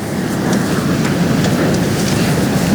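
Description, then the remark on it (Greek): A very large wildfire roars in a loud, steady low rumble, with faint scattered crackles and pops from explosions and flare-ups above the dense, continuous roar. No voices are heard. “Τώρα να σας πω ότι δεν ξέρω αν περνάει από το μικρόφωνο ο ήχος από τις εκρήξεις και τις αναφλέξεις που κάνει η φωτιά αυτή τη στιγμή.”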